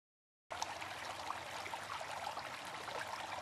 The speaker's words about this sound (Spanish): Agua. Fuente de vida.